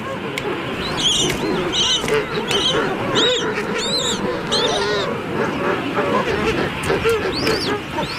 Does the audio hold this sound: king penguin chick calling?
yes